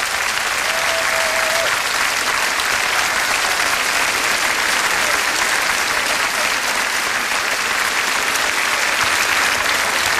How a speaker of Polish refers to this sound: Chciałbym, proszę Państwa, teraz o coś poprosić, bo od początku tego koncertu mówimy o poetce, mówimy o autorach tekstów, a chciałbym, żeby rozległy się teraz olbrzymie brawa dla kompozytorów tych wszystkich piosenek, które dzisiaj słyszymy.